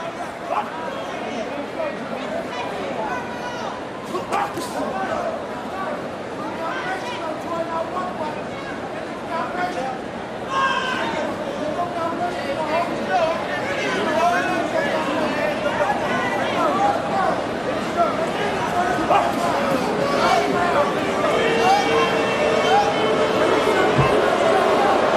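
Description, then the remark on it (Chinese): A large arena crowd at a fight event boos in a sustained, rumbling wash of noise that swells louder partway through and stays heavy to the end, with scattered shouts and murmurs mixed in. The spectators are booing two fighters for a slow, cautious exchange in the last bout before the main event. “现场也是响起了嘘声，打到这个阶段双方还是进行这种慢节奏经济型消耗，现场嘘声四起啊，观众也表达了对于两个人的不满。”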